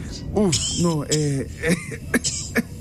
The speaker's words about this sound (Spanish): Mira, ahí está tosiendo una señora al lado mío, mire.